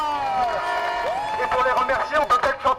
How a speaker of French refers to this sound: Et c'est l'occasion de faire un tonnerre d'applaudissements pour nos camarades des cantines qui une fois de plus nous régalent.